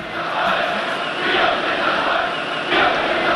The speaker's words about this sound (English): And then came 1989, the fall of the wall, the end of communism. A huge cheer goes up as the first of the East Berliners come across to the West.